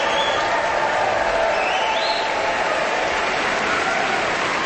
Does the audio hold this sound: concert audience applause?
yes